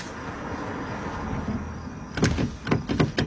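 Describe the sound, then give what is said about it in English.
In a car in a scene from the film Maddie's Secret, with a steady engine hum, a door handle is yanked repeatedly, giving four or five sharp clunks and rattles as the stuck, finicky door fails to open. No one speaks. “the door's stuck.”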